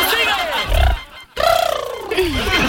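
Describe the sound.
A person imitates an elephant's trumpeting with two loud vocal blasts: a short strained call, a brief pause, then a longer wavering trumpet that rises and falls.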